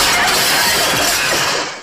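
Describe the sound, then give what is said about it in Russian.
A loud crash of window glass accidentally smashed with a chair, a dense burst of breaking and tinkling shards that carries on for almost two seconds before quickly dying away. “Семен Семенович случайно разбивает стулом окно.”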